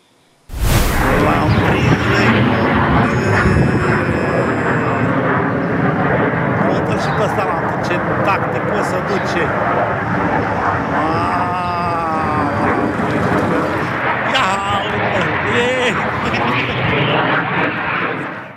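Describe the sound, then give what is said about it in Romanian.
Romanian Air Force fighter jets, sent to destroy a drone near Padina, Romania, roar overhead in a loud, continuous wash of engine noise that lasts throughout, with indistinct voices mixed underneath. “Avem și imagini cu avioanele de luptă care au intervenit pentru a distruge drona, iată.”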